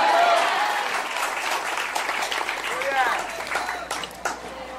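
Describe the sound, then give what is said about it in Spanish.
An audience applauds Christ during a sermon, a loud, dense, sustained wash of clapping, with voices calling out over it now and then. “Dele un fuerte aplauso al Cristo de la gloria.”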